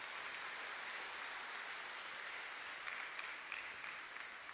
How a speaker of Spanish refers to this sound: Hermanos y hermanas, a los cumpleañeros de este domingo los felicitamos con un fuerte aplauso. ¡Feliz cumpleaños!